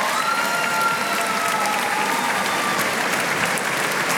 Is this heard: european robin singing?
no